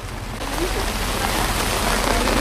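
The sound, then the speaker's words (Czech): Steady rain pours down on a street in a town in Nebraska, USA, a dense, continuous hiss of drops spattering the pavement, holding an even loudness throughout with no other distinct sounds standing out. “Prezident se rozhodl projít městem, akorát, že zrovna prší.”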